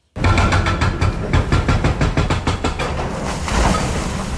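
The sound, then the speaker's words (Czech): An excavator grinds through the last piece of wall of a new tram tunnel over 300 metres long in Brno, Czech Republic, its heavy engine rumbling loud beneath a rapid series of crunching knocks as chunks of debris break away and fall. “Rypadlo se právě provrtalo posledním kusem zdi a jak pomalu upadávají jednotlivé kusy, tak mizí i provizorně nasprejovaný barevný obrázek brněnské šaliny.”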